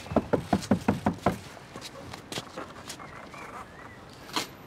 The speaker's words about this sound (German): Hast du mal geklopft? Du meinst, da ist jemand drin?